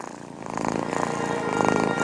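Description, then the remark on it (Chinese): A relaxed cat purrs steadily, a continuous rumbling hum of about 20 to 140 hertz, like low-frequency white noise, with a fast, even pulse that swells slightly louder toward the end. No one speaks. “猫感到放松时会打呼噜，20到140赫兹类似低频白噪音，能促进人类情绪放松。”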